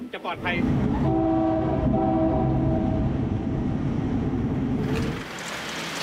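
A loud, sustained train horn blares for several seconds with steady harmonic tones at a level crossing on the line from Mahachai toward Bangkok, where cars constantly cross the tracks, over the rumble of the train running at no more than 30 km/h, then cuts off near the end.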